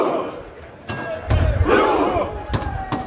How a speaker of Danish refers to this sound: Ja, her hører vi altså nordmændens efterhånden ret kendte VM-kampråb, hvor de sidder på jorden side om side og roer, mens der bliver slået på trummen.